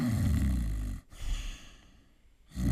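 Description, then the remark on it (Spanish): A person imitates snoring with their voice: a loud, rough inhaled snore, a brief pause, then a softer breathy exhale and the start of another snore, with no talking. “Ah, ese é o ronquido común da maioría da xente.”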